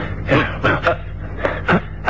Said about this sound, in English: Before I knew what was happening, hands seized me from behind. I struggled valiantly, and then a violent blow against the side of the head caused me to gasp. Stars swam before my eyes, and I lost consciousness.